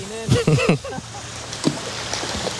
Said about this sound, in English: Also with its own legend, Nudie Point. I can hear the river. Yes. And this is it, Nudie Point.